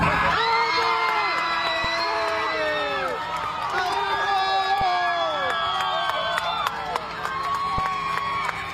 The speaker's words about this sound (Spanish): Así como le está viendo, el anuncio desató gritos y aplausos en la cabina.